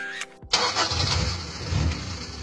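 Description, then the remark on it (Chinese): An old car engine, on a ten-year-old car, cranks and catches, then settles into a loud, steady, low rumbling idle with a rough, throaty texture. No one speaks. “对嘛，像我这种10年老车，妥妥的该退居二线了”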